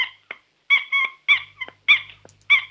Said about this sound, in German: Ist das ein Quietscheentchen? Nein. Was ist es denn dann? Eine Schildkröte, die quietschen kann.